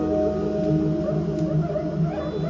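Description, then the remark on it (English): A cuíca friction drum, also called a monkey drum, squeaks and moans in steady, gliding tones, fairly loud, with no talking over it. “like a it's like a Kuisa. Ah, monkey drum. That's the name of it, Kuisa.”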